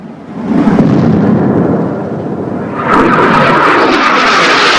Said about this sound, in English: The jet flies directly overhead